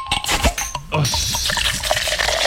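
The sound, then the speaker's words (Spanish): A cold drink is opened with a short burst of hiss, then liquid pours in a steady, bright, fizzy stream that continues to the end with no one speaking. “Y cuando se destapa una frialdad.”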